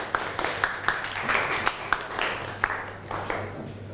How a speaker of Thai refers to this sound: ถ้าไม่มีขอเสียงปรบมือให้กลุ่มที่2อีกรอบนึงครับ